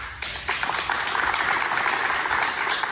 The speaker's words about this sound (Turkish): Halk TV çalışanları kararı stüdyoda alkışlarla protesto etti.